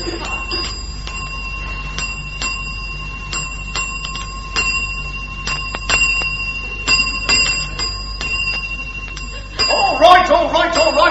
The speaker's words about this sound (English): All right, stop ringing that bell, can't you? What are you talking about, stop ringing that bell? That's what the bell's for, isn't it? Dinging? Dinging? Dinging. For dinging the bell is what you're dinging. What you got a bell for?